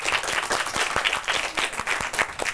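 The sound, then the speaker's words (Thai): An audience of students applauds steadily as souvenirs are presented to the speakers after a lecture about Khao Tao Reservoir, a dense wash of many hands clapping with a few sharper individual claps standing out, sustained at moderate loudness throughout with no speech. “ส่งมอบของที่ระลึกได้เลยครับปรบมือ”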